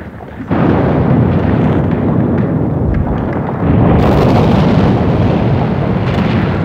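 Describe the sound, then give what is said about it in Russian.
Loud bomb explosions erupt suddenly after a brief quiet, rolling into a sustained rumbling roar, with a second blast surging in partway through. No voices are heard. “не услыхал четвертого взрыва.”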